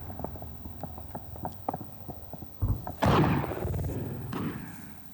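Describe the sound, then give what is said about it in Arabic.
A rapid string of sharp, evenly spaced gunshot cracks like heavy machine gun fire, followed by two deep booms of artillery shells, the second loud with a long rumbling decay, as Yemeni armed forces fire artillery and heavy machine guns toward Houthi positions on the southern front of Marib governorate, Yemen. “وثقت مقاطع مصورة لحظات إطلاق القوات المسلحة اليمنية قذائف المدفعية ونيران الرشاشات الثقيلة صوب مواقع وتجمعات عناصر جماعة الحوثي.”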